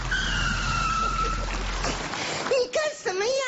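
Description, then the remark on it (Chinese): A car's tires screech in a long skid as the car brakes, a sustained high squeal over rumbling engine noise, followed by agitated voices speaking loudly. “岁数还来激情？刹车啊！”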